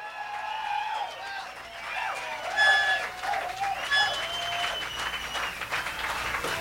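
A crowd applauds a band steadily for several seconds, calling them back from the dressing room for one more song, the clapping dense and continuous, with shrill whistles and cheers rising over it in brief bursts.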